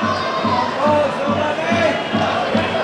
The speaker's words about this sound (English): Bulls fans just shouting forward for everything now.